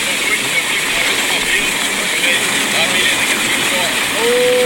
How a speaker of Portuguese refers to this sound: Olha o barulhão do Rio Corda. No barco no Rio Corda.